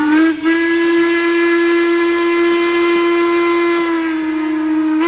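A loud, sustained steam train whistle of the WMSR ice cream train in the Appalachian Mountains blows steadily for several seconds, its bright harmonic tone held nearly unbroken, with a rushing hiss of steam underneath.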